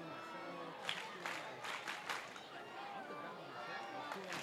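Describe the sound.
A large baseball stadium crowd, many dressed in Dodger blue and white, cheers and applauds pitcher Jang in a steady roar, with scattered sharper bursts of clapping rising through the wash of indistinct voices.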